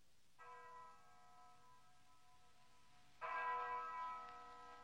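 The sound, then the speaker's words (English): A large town bell rings out with a long, humming resonance, then is struck again more loudly, the second clang bright and ringing before slowly fading. “Now we can ring the bell.”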